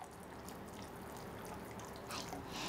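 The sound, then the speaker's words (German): Warm liquid wax at 60 degrees is poured into water to make fake tempura shrimp, a faint, steady trickling hiss that runs throughout and swells slightly with a brighter splashy burst near the end. No one speaks. “Schau mal, jetzt gieße ich das Wachs runter.”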